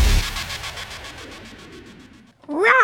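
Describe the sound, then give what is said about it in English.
A rapid, even train of soft pulses fades out, and after a brief gap a loud, wavering meow rises and bends in pitch at the very end. “Is there a velociraptor in here? I thought it was a cat.”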